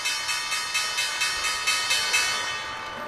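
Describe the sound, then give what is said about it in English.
A stock exchange opening bell rings in the trading day on a Thursday in a rapid, steady series of about a dozen bright metallic strikes, each leaving a sustained high ringing. It fades slightly at the end, with no voices. “So let's just listen into the bell.”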